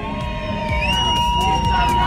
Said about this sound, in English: You can hear the sounds of Happy Birthday being sung here on the streets of Rosebank. Thank you so much, guys.